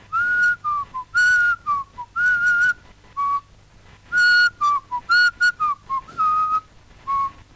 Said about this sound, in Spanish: Es como que recreamos la soledad de los afiliados que van silbando bajito, recordando una época gloriosa.